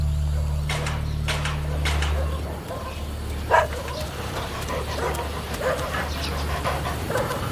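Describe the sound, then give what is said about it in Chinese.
A young gray stray dog, its head injured and bleeding after escaping a reticulated python, gives several short, high yelps and whimpers, spaced irregularly with one sharper cry near the middle, over a steady low mechanical hum. “小灰狗脑袋受伤，它在流血，惊魂未定。”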